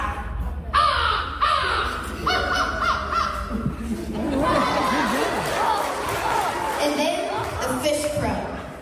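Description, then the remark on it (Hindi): A 12-year-old boy in Oklahoma, USA, mimics bird calls: a string of short, repeated squawking notes, then a longer run of varied warbling chirps, fairly loud over a murmur of background noise. “पक्षियों की ऐसी सटीक आवाजें निकालता है कि इंसान तो क्या, चिड़िया की आवाज पहचानने वाला मोबाइल ऐप भी धोखा खा जाता है।”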